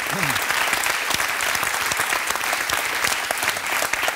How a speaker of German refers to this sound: Okay, und super, dein Applaus.